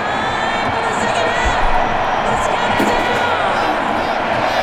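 A large stadium crowd at a football match roars and shouts continuously for the player Hendrick, a dense, loud wall of voices with cheers rising above it and no pauses throughout.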